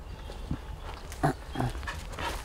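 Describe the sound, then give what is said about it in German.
Dogs playing, with several short growls and grunting snarls in quick irregular bursts, fairly quiet, with no one speaking. “Hundekenner denken bestimmt, was hat er denn, die spielen da einfach.”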